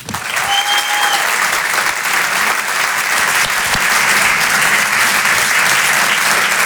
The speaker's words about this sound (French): Je vous demande de l'applaudir très chaleureusement.